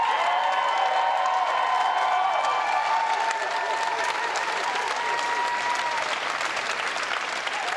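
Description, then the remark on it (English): Long, sustained applause from a large crowd as Andy Burnham sweeps into power as Prime Minister: dense, continuous clapping holding at an even, loud level for the whole stretch, with some drawn-out cheering tones rising through it. “A large crowd here, long sustained applause.”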